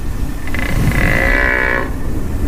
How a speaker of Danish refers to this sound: Ja, lige nu der går de danske kronhjorte altså rundt og brøler ude i de danske skove for ligesom at imponere hunderne.